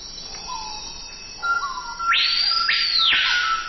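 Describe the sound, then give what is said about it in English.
A screaming piha in the Amazon gives its loud, ringing whistled call: two sharp upward-sweeping notes that rise steeply and hold, with softer whistles and chirps from other birds underneath. “Now, that's the colorful cry of the surprisingly drab screaming peahawk.”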